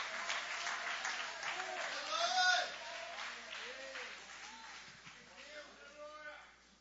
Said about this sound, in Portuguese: Aplaude a ele, aplaude a ele, aplaude a ele.